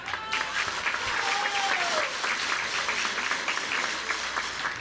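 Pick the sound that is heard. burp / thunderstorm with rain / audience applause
audience applause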